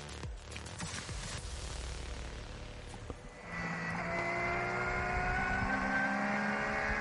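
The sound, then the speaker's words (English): The engine of Sven Müller's number 17 Dunlop Motorsport Porsche race car roars steadily on an in-lap as it climbs a hill, first a rougher low rumble, then from midway a sustained high-pitched whine as it pulls at high revs, loud throughout with no voices. “This is now an in-lap as he climbs the hill out of bright shite.”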